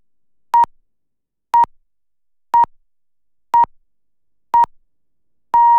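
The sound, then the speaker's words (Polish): Five short, evenly spaced electronic beeps one second apart, followed by a sixth longer beep: the classic radio time signal pips marking 13:00 on Polish radio station Dwójka, clear and isolated with no talking. “Wybiła 13.”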